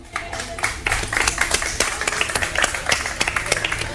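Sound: crowd applause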